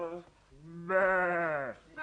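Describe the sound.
A person imitates a goat's bleat: a short vocal lead-in, then one loud, drawn-out quavering bleat that wavers for about a second before breaking off.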